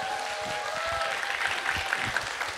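Steady applause from an audience, a dense wash of many hands clapping at once, sustained and fairly close for the whole stretch without any voices standing out.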